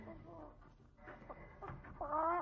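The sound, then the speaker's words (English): A fat hen, carried in a woman's left hand and about to be killed for dinner, clucks in short, uneven bursts, then lets out a louder, drawn-out squawk at the end, with faint murmuring in the background. “That's a chicken. She's a fat one.”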